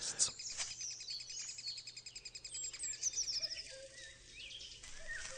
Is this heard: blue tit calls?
yes